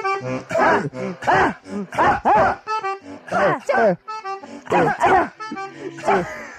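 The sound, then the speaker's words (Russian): German shepherd barks pitched to different notes follow a steady rhythm, strung together into a well-known world hit melody. The barks are loud and continuous, one after another with no talking. “Ну, песня, она на всех языках исполняется, на всех инструментах, и посвящена именно собакам, именно немецким овчаркам.”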